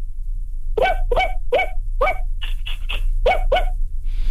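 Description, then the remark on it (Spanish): A person imitates a small dog with fluffy fur barking, producing a rapid string of about eight short, high yips in a steady rhythm, fairly loud, with no talking. “A ver, última vez, perro con pelo esponjoso.”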